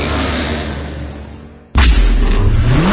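A stock car engine at Sutherland Automotive Speedway, Saskatoon's stock car racing track, drones and slowly fades, then abruptly roars back loud, its pitch climbing steeply as it revs hard. No one speaks.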